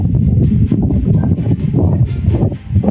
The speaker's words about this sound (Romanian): Bate vântul, nu? Bate un pic, da. Deci așa arată Amsterdamul noapte.